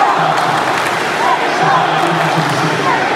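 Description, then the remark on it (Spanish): A dense crowd of Mexico fans in Dallas celebrating at the World Cup roars steadily, with overlapping shouts and cheers rising and falling in a loud, continuous wash of many voices. “Los gritos son por su país.”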